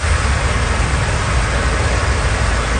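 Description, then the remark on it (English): Cars drive through standing water on a flooded road in southern Cape Breton after heavy rain and high winds, a steady low engine rumble blended with a continuous broad hiss of splashing spray. Loud and unbroken throughout, with no voices. “Motors drive over a flooded road on southern Cape Breton.”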